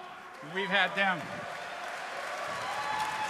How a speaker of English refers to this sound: We've had them with us since the very beginning. Don't clap too much because they're, you know, they get a little big-headed.